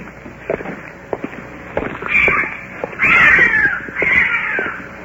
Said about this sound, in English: A cat. What is that? It's a cat. Is that what it is?